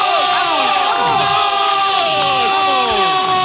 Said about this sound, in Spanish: Fuerte aplauso.